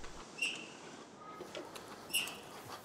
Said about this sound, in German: Mit dem Klicker signalisiert der Pfleger der Bärin, dass sie etwas richtig gemacht hat.